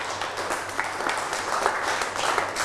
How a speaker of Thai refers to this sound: เอาปรบมือให้เพื่อนหน่อยครับ